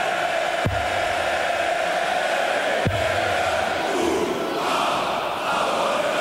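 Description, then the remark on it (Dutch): A large arena crowd at a European Tour darts event sings to darts player Jermaine Wattimena in a dense, continuous roar that fills the whole space, with two dull thuds breaking through early on. “Hij wordt zelfs toegezongen door het publiek in plaats van de spelers.”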